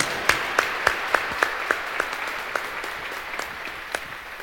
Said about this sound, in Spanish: Un fuerte aplauso para nuestra Madre. ¡Que viva la Virgen del Quinche! ¡Que viva!